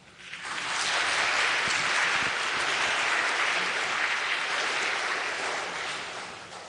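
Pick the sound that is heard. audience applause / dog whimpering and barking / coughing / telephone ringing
audience applause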